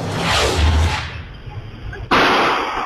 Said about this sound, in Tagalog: Umalingaw-ngaw ang putok ng baril sa Apolinario Mabini Street sa Pasig City Linggo ng umaga.